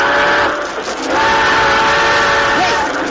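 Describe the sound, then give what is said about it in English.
A train grinds toward a stop, its brakes letting out a loud, sustained metallic squeal with whistling overtones over a constant heavy rumble, with no voices. “They're trying to stop the train.”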